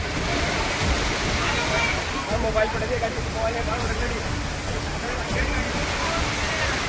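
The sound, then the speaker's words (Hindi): Floodwater rushes strongly along a road after heavy rain in the Toda Raisingh area of Tonk, a loud, steady, continuous roar, with faint murmuring voices in the background throughout. “सड़कों पर पानी सैलाब की तरह बहता नजर आया और इसकी चपेट में कई बाइक सवार आ गए.”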